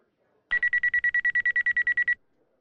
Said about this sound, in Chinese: 包裹内原来有个电话，现在他正在呼唤着张鲁。